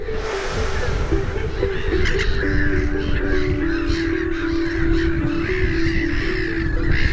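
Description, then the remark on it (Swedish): A black-headed gull colony calls in a loud, unbroken chorus, with harsh, squawking cries overlapping constantly for the whole stretch and no pauses or voices. “När sover en skrattmås? I detta larmande kaos.”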